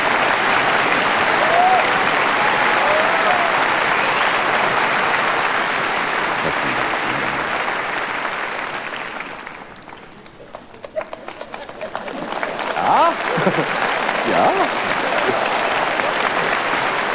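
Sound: concert audience applauding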